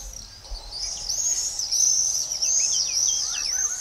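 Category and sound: bird, common swift calls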